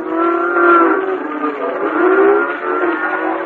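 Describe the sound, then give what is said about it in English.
A car engine runs steadily throughout, a continuous droning hum whose pitch rises and falls slightly as if cruising along. It is fairly loud and muffled, with no voices. “My, I hope the rest of you folks in this car don't mind my squeezing in like this.”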